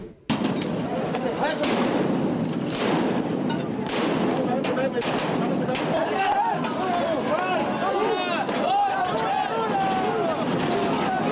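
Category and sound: firecrackers exploding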